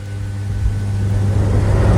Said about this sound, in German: Spürt ihr? Das ist ein bisschen die kühle Brise, die da so reinschwappt.